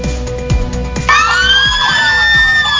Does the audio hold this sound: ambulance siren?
yes